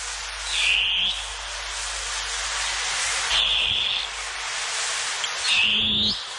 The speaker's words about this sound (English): The long-tailed cuckoo, koe koe a.